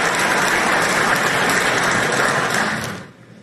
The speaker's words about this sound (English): And the crowd goes nuts. And they should. It was great.